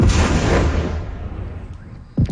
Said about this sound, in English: Loud explosions rocked Kyiv for hours as the city was hit by hundreds of drones and missiles.